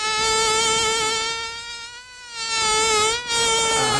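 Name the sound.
mosquito buzzing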